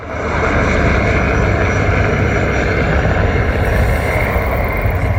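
Many military planes roar overhead in a loud, steady, continuous rumble that fills the whole stretch without fading, with no voices heard.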